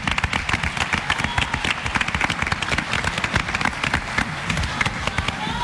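A crowd bursts into sustained applause, dense overlapping claps crackling steadily and loudly throughout, with no pauses, and faint cheering mixed into the wash of clapping.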